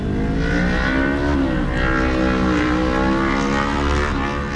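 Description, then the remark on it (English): Cars rolling into the parking lot of a Buc-ee's store in Colorado with a steady, fairly loud engine drone. The rumbling hum shifts slightly in pitch as vehicles move past, with no voices. “And the cars just keep rolling in.”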